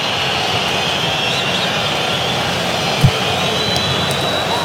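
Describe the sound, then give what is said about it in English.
A large Mexican stadium crowd at a World Cup match boos in a continuous, dense roar that holds steady at an even loudness for the whole stretch, with a brief sharp knock near the end. “Now you're hearing boos from the crowd.”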